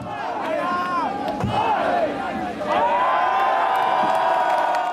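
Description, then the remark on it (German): A crowd chants a count in unison as a mallet strikes a beer keg's tap, one sharp blow and then a second, the voices swelling into a loud, sustained cheer. “Zu viele Schläge, Bier, das aus dem Fass schoss, zerbrochene Krüge, heute besser nicht. Das Publikum zählt mit.”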